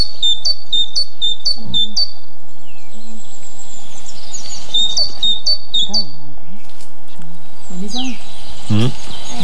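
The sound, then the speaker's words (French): A tit sings bright, high, repeated two-note phrases in quick bursts, clear, with pauses between series and faint low murmuring voices underneath, heard during bird monitoring in the Cévennes National Park, France. “Ça doit vous sembler normal qu'on le fasse, c'est assez commun, ce sont le suivi des oiseaux. Donc ça, c'est une très commune que vous connaissez tous.”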